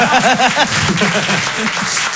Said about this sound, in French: C'était Guillaume Santou sur Rire et Chanson, on peut l'applaudir très très fort, bravo Guillaume.